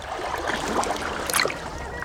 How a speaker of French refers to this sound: Tu vois, tu flottes. Et tu peux te laisser bercer par les vagues. Oh. Et regarder le ciel. Écouter la mer.